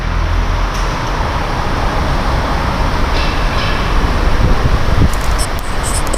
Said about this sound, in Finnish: parhaillaan olen Liesikujan pysäköintitalossa, joka sijaitsee Myyrmäen juna-aseman kupeessa. Monelle tämä rapistunut parkkihalli näyttäytyy varsin epämiellyttävänä paikkana.